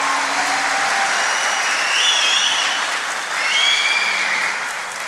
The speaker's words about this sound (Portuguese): Pode dar salva de palmas, gente.